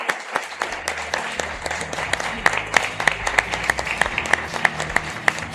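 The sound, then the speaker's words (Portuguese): An audience applauds the honorees of an awards session steadily, many hands clapping in a dense, sustained patter with a few sharper claps standing out, at moderate loudness. “Uma salva de palmas a todos os homenageados dessa noite.”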